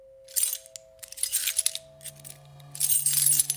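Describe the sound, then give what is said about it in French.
Keys jangle in three bright, metallic bursts separated by short pauses, the clinking fairly loud, with a steady low hum running underneath throughout. “Les clés, tout partout, partout où vous allez, vous avez le bruit des clés.”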